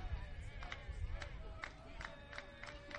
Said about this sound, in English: You hear the clapping from the Hawaii dugout.